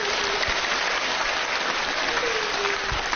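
Steady, dense applause from an audience of Chinese opera fans fills the whole stretch, a continuous wash of many hands clapping at even loudness with no voices on top, given to an audience member who answered a quiz question on how many regional opera genres China has.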